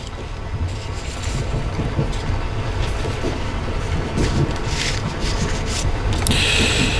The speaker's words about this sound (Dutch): Ja, het gevoel van die treingeluiden geeft toch het gevoel dat je ergens naartoe gaat. Het is, ja, het is om extra in de stemming te komen, kunnen we stellen.